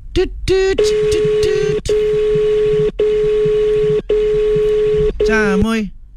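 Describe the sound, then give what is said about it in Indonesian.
A telephone call connects live on Mustang FM radio on National Radio Day: quick dialing beeps, then a steady, loud ringing tone cut by brief gaps about once a second. A voice is heard briefly at the start and again at the end. “Kita coba telepon ya.”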